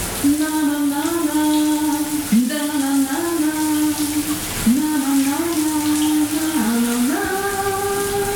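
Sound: shower tap running water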